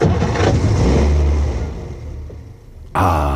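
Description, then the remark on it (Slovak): A car engine starts after minor maintenance, revving loudly before easing down to a lower idle, then surging again abruptly near the end. No voices. “Počúvajte, ako krásne naskočí motor.”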